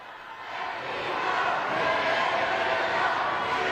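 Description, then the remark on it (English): A large crowd cheers and calls out to the Pope as he waves to them, in a continuous, dense roar that swells slightly at the start and then holds steady, with no single voice standing out. “And he waves one last time at the crowd as he now, I think, heads to his car.”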